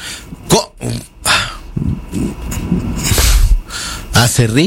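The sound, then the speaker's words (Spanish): A person mimics a lumberjack's sneeze as the punchline of a joke, with a string of exaggerated, throaty vocal bursts and breathy hisses, loud and uneven, ending in a few higher-pitched voiced yelps. “¿Cómo estornuda un leñador?”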